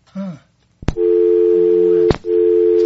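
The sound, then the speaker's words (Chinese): A brief snippet of a voice, then a sharp click and a steady, loud telephone line tone from a call that is not getting through, droning on, cut once by another click before resuming unchanged. “哎，电话敢那未通？”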